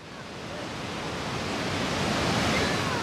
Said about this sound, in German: das Rauschen im Hintergrund ist keine defekte Wasserleitung, nein, es ist Mutter Natur pur.